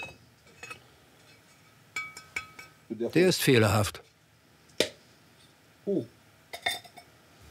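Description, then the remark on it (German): Clay pots just out of a potter's kiln in Avanos, Cappadocia, are tapped one after another to test how well they were fired, giving short, bright, ringing clinks spaced irregularly, with a man speaking briefly between them. “Die Qualität des Topfes erkennt man am Klang.”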